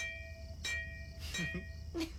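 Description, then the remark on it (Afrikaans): The brass bell of Betty, a classic fire engine and one of the oldest working engines at the fire station, rings out, struck about four times in an uneven rhythm, each clang bright and metallic with a sustained high ring between strikes over a low rumbling hum. “Krome hartvatsels en speelkies en 'n geelkoper klok.”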